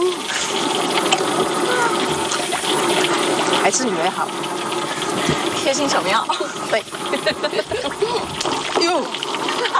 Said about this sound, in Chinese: 哇，小心油啊，把它炸成那个金黄色。